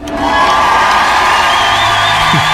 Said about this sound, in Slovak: Áno, toto je ten náš potlesk. Ale samozrejme sú tu interpreti, ktorí majú oveľa, oveľa väčší.